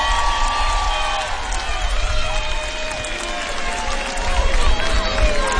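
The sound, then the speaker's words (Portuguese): A large crowd at a live show with a stage applauds and cheers for themselves steadily for several seconds, a dense, loud wash of clapping mixed with shouts, whoops and overlapping voices, swelling slightly toward the end. “Uma salva de palmas para todos vocês.”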